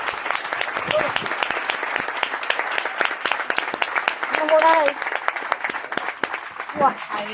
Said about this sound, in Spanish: No, y un fuerte aplauso a esta primera mesa.